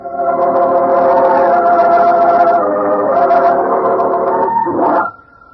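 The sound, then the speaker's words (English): A dog named Tippy barks loudly in one long, drawn-out cry lasting several seconds, ending with a quick upward yelp before it cuts off. No one speaks. “For it was the dog Tippy that led the way to her, there in that ghostly place made remote to us by a wall of time.”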